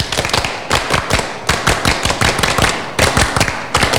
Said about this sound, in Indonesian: Saya mulai dulu ya. 2 kali tepuk pramuka.